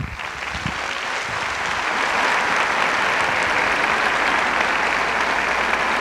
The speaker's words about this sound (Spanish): Así que vamos a brindarle otro fuerte aplauso a Ed Lawrence, por favor.